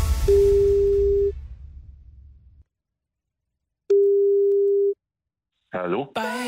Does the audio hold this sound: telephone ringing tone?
yes